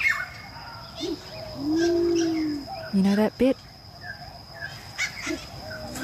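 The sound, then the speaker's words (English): A Torresian imperial pigeon in Australia's Top End gives a deep, drawn-out hooting coo over a busy background of other birdsong and insects. A person briefly speaks partway through. “It's the Teresian Imperial Pigeon.”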